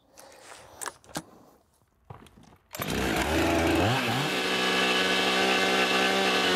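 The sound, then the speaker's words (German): A few soft knocks and clicks, then a chainsaw roars to life, revs upward and cuts steadily into a log with a loud, continuous buzzing drone, as a log-house builder works a section out of the trunk by hand. “So, und dieser Teil wird dann aus dem Stamm herausgearbeitet.”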